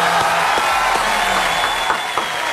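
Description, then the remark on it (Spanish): An audience claps steadily for the Argentine underground musician, many hands blending into a dense, continuous wash of applause with a few sharper individual claps standing out, held at an even, fairly loud level throughout. “Fuerte aplauso para ….”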